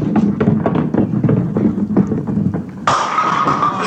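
A bowling ball rumbles down the lane with a run of low knocks, then crashes loudly into the pins in a sudden bright, clattering burst that rings on to the end, knocking down all the pins for a strike.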